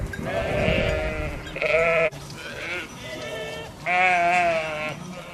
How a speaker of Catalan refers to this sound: El petit ramat de fedes pasturava l'entorn i sols se sentien els bells dels animals i el gring-gring de les esquelles.